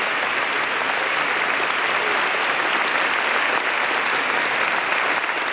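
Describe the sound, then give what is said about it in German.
Sustained applause from a large audience for the Apostolic Nuncio to Germany, Archbishop Hubertus van Meegen, at the Adoratio broadcast live on Radio Horeb, a dense, steady wash of clapping that stays loud and even for several seconds with no voices standing out. “Ein Applaus nochmal für den Nunzius von Deutschland.”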